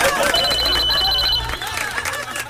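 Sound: old telephone bell ringing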